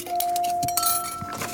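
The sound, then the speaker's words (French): A spoon clinks against a cup or glass several times in quick succession, leaving a bright metallic ring that hangs between the taps; fairly loud, with no talking. “La cuillère fait.”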